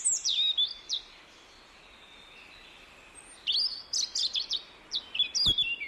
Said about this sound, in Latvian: Stāstām par sarkanrīklīti, glīto mazputniņu,